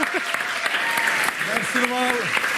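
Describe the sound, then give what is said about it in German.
An audience at a comedy show applauds steadily to welcome the next performer onto the stage, with dense, rapid clapping forming a continuous wash of sound, while a few voices call out and cheer over it at moderate loudness. “Wir versuchen es mit einem grossen Applaus für unseren Lieblingsjuristen”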